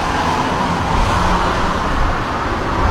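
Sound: car driving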